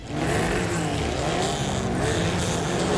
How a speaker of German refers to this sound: Wenn heute Mittag in Neuruppin Motoren aufheulen, Reifen quietschen und Staub durch die Luft fliegt, dann ist wieder Fontane Rally.